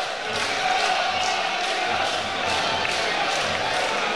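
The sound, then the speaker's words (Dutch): A large football stadium crowd at an ADO Den Haag versus Go Ahead Eagles match murmurs and shouts in a steady, loud wash of voices, growing restless, with scattered calls and swells rising and falling throughout, restless rather than cheering. “Je merkt toch dat het publiek wat onrustig wordt.”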